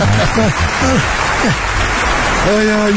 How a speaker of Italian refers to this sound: Bella, meravigliosa, gli applausi, mi sono preparato anche gli applausi da me, mi sono preparato anche gli applausi da me, perché tanto me li manda mai.